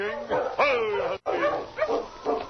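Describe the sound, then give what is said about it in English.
A dog named Flash barks several times in quick, uneven bursts, fairly loud, some barks sliding into whiny, yelping tones, with a brief pause partway through. “That sounds like Flash.”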